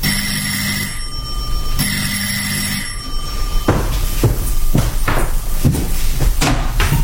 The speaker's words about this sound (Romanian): Într-o sâmbătă dimineața, în timp ce îmi făceam micile treburi gospodărești, cineva a sunat energic la ușă.